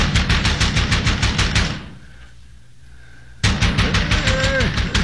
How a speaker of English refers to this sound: What demons come in the black of night, crashing on the door like madmen?